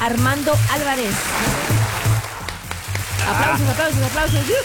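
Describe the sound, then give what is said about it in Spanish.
Steady crackling applause for two single-ticket prize winners fills the background while a man speaks over it, the clapping a dense, even patter that runs under the voice for the whole stretch. “Aplausos.”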